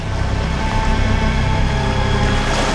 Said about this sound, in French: Dans la baie où ils sont, l'eau est peu profonde. En manœuvrant pour faire demi-tour, les moteurs des mini-sous-marins créent du remous.